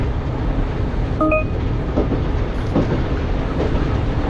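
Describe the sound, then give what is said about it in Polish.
A simulated metro train in a game rumbles steadily as it pulls into Hendon Central station, with a brief high-pitched whine early on and a few faint rhythmic clacks over the continuous roar. No one speaks. “I dojeżdżamy tutaj do następnej stacji.”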